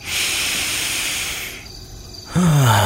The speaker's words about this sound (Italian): Faccio un respiro a pieni polmoni.